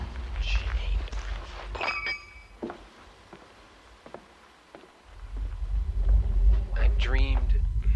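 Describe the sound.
Footsteps walk along a sidewalk, a series of soft, uneven taps over a low steady rumble, with brief murmured voices and a short chirping sound near the end.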